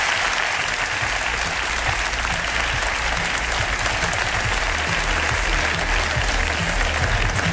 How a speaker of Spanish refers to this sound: Así que, de verdad, muchas gracias también a todo el equipo técnico de la cadena SER. Es alucinante. Me gustaría pediros un aplauso para ellos.